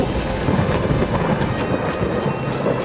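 Deep, continuous rumbling thunder rolls loudly through a lightning storm, with the steady hiss of rain underneath and no voices.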